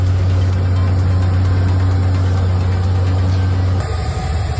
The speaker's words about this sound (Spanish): Sonido de los helicópteros que sobrevuelan la zona en un dispositivo de evacuación inédito en el que están involucradas 23 nacionalidades.